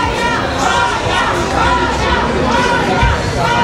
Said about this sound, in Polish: W hali przylotów czekał na nią tłum fanów.